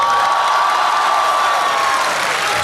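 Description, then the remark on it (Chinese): A large audience at a Deyunshe crosstalk (xiangsheng) show bursts into steady, dense, loud applause with some cheering mixed in, holding at an even level throughout without any speech over it. “啊，不用不用，掌声不用。 您这要掌声的嫌疑。”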